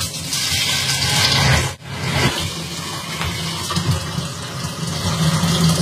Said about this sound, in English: Next, I have to fill it up to the black line inside with hot water. So let's get that done.